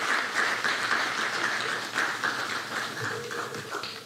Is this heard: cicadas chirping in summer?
no